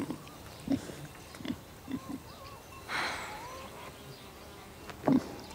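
A pig named Constanze gives several short, low grunts at irregular intervals, with a breathy snuffling burst midway and one louder grunt near the end, over a faint buzzing background.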